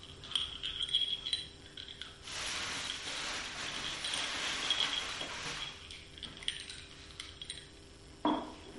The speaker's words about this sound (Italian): Il rumore di caramella nei denti. Caramella masticata.